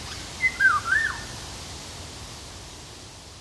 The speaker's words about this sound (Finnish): Myös tieteellisen nimen Oriolus oriolus epäillään kuvaavan linnun ääntelyä.